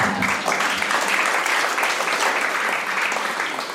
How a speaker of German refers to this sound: Stellvertretend sage ich jetzt, schön, dass Sie da sind, liebes Publikum. Sie können sich auch selbst einen Applaus geben.